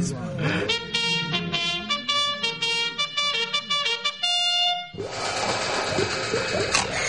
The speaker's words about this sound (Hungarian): Fújd meg a kürtöt!